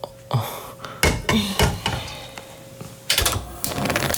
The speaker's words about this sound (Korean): 대답을 기다리기도 전에 서희는 가스불에 냄비를 올렸다.